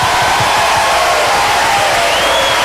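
A crowd applauds loudly and steadily, dense clapping blending into a continuous roar, with a few cheers and whoops rising over it for nearly three seconds.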